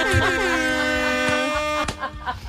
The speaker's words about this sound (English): A couple of air horns in there just to match their vibe, you know what I mean?